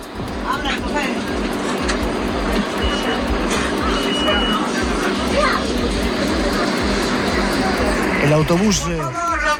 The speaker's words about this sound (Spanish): El autobús lleno de gente pidiendo que abran la puerta.